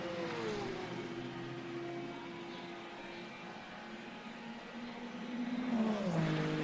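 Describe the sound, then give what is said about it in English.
A GT3 race car engine roars past as it crosses the line during a race, with a steady high whine, then the pitch drops and swells louder toward the end as it shifts down and revs, with no talking. “Cross the line. GT3 car in there.”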